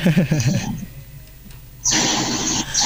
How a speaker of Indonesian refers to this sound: Kambing.